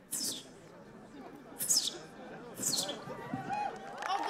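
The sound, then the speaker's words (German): At a bird-call imitation contest in front of an audience, a person imitates a sparrow with three short, high, downward-sweeping chirps spaced about a second apart, heard over a steady murmur of crowd chatter. “Nicht alle Nachahmungen überzeugten, wie beim Spatz.”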